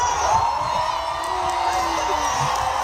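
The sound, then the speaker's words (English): A large concert crowd at a show in Paris roars and cheers after being told England scored in the World Cup, in a steady, dense wash of noise, with scattered whoops and shouts rising over the sustained din. “because last night she had to stop her show in Paris to update the crowd with the score of the World Cup.”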